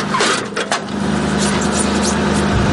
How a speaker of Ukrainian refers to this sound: Знову заводиться САУ. Розрахунок має відпрацювати і якомога швидше полишити вогневу позицію.